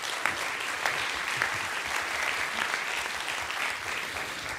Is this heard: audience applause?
yes